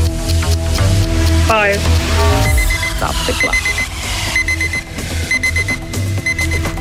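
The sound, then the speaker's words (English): A loud, busy electronic quiz clock alarm rings out in a rapid repeating pattern of high beeps over a dense, cluttered background, continuing steadily for several seconds. “Stop the clock.”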